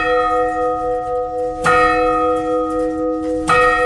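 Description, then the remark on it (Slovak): A church bell dating from 1584, older than the clock mechanism, strikes the hour at 11 o'clock, heard from directly beneath it: two loud strokes roughly two seconds apart, its deep metallic hum ringing on and overlapping between blows, with no voices. “Bude 11 hodín, takže hodiny budú odbíjať 11 krát.”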